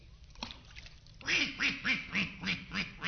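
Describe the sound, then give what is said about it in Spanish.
A duck quacks six times in a quick, steady rhythm, each call loud, with a brief quieter stretch before the quacking begins. “Soy un patito feo. Cuac, cuac, cuac.”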